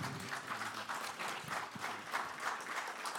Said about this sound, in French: Je pense qu'on peut les applaudir pour cette conférence. Bravo.